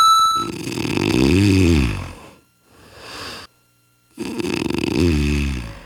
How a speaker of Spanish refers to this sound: Ahí está el ronquido. Ahí está el ronquido. Ya, ¿para qué te lo pongo aquí, verdad? Si ya sabes de qué se trata. Ya sabes cómo son. No, y ese estaba moderadito. Es que hay ronquidos de todos.